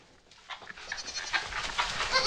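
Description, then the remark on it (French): Several goats bleat on a farm at milking time in quick, overlapping cries, wavering and nasal, growing louder toward the end, with no talking. “On va récupérer le lait des chèvres pour en faire du bon fromage.”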